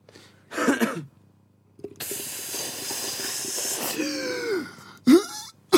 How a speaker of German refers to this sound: Nicht ins Mikrofon husten.